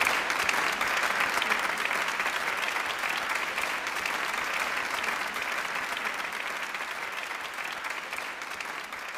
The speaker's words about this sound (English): MashaAllah. MashaAllah. Please applaud him warmly.